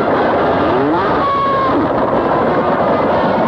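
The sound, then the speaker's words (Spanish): A dense, continuous rumble of a stampede of loose cattle, loud, with thundering hooves and a brief bellow or whistle-like call rising out of the din early on, as cowboys whistle to stop the cattle. “Corre en el tempo para escapar el mismo de la amenaza del ganado suelto.”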